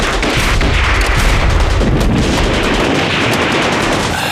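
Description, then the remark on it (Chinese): Heavy gunfire crackles and booms without a break, dense overlapping shots and blasts forming a loud, chaotic battle din, with no voices audible. “老爷，啊，你听，这枪声稀了不少。”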